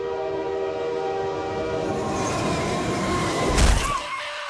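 A loud passing train with a sustained, blaring horn chord over rumbling rail noise, ending in a heavy low thud near the end. No voices.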